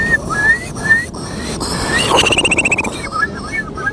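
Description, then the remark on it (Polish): A person imitates a Eurasian curlew call in a contest of imitating Polish bird species: rising whistled notes that swell into a rapid bubbling trill, then trail off into a few softer whistles over a noisy background. “To będzie kulik wielki. Brzmi on mniej więcej tak.”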